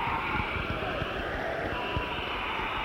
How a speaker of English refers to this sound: First of all, if everybody will clap, just like you're doing applause, so I can see what 100% applause sounds like, then we're going to make some assumptions.